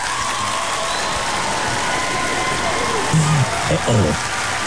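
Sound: applause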